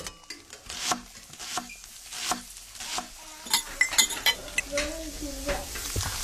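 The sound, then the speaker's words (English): Kitchen cooking noises: a steady sizzle of frying food with repeated scraping stirs, clinks of utensils against a pan, and a few brief pops, fairly loud with no talking. “Can you tell if the surfaces in this kitchen are crawling with bacteria that could cause chronic arthritis?”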